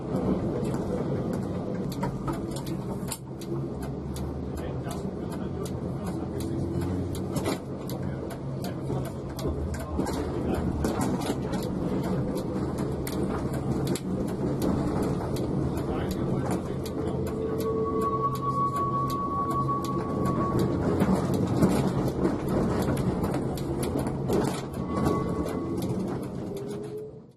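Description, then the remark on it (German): Two trams rumble steadily through setting-in rain as they return to the Burgau depot after a special photo trip, with a constant low mechanical drone, scattered patter and ticks on top, and a brief metallic wheel squeal partway through. No one speaks. “Mit einsetzendem Regenwetter endete die Fotosonderfahrt gerade noch rechtzeitig und die beiden Wagen rückten wieder zum Betriebshof Burgau ein.”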